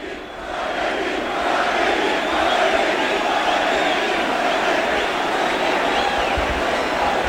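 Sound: crowd shouting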